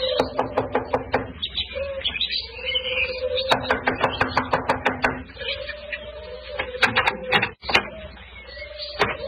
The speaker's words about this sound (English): Here we are. I'll knock on the door.